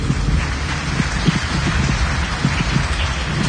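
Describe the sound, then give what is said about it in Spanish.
A church audience claps their hands for the Lord during a sermon, a dense, steady burst of applause that holds at an even loudness from start to finish, with no voices over it. “Quien vive, y a su nombre y a su pueblo, ¿cuándo dan palmas al Señor?”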